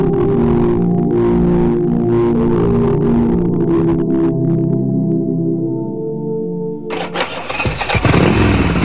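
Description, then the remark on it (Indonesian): A new electric motorbike hums with a steady, loud, tonal whine for several seconds, then bursts into a sudden surge of harsh, rushing noise near the end, with no voices. “motor listrik baru lo keren juga.”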